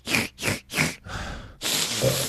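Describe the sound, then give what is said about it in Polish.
A voice imitates a bear sniffing: three quick, breathy sniffs in a row, then a longer rough exhale and a final drawn-out breathy snuffle. “No i tam Mieszka i Leszka niedźwiedź zaatakował, jeden zwiał, a ten drugi leżał i niedźwiedź go tak poniuchał.”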